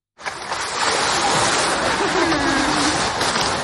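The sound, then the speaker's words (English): A large South American sea lion named Hugo in its pool at Liberec Zoo in the north Bohemian city of Liberec, with steady splashing and churning water throughout and a faint, low drawn-out call rising briefly under the noise partway through. “A recording made of the large South American sea lion Hugo at Liberec Zoo last week.”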